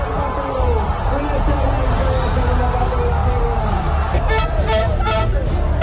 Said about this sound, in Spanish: Pese a la superioridad española, los últimos minutos del partido trajeron mucha tensión, por lo que tras el pitido final se vivieron auténticas explosiones de gozo, como la que se vivía en el pabellón de San Pablo, en Sevilla.